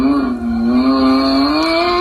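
A black toy Lamborghini's engine sound, heard when the toy is switched on, revs loudly and steadily, a buzzing tonal roar that dips briefly and then climbs slightly in pitch, with no talking over it.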